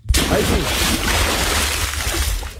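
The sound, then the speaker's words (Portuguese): A bucket of water is thrown over a man to wake him: a sudden, loud rush of splashing water bursts in and keeps pouring for a couple of seconds, a broad hissing slosh that stays steady before cutting off. “vamos largar um bardão d'água nele aí.”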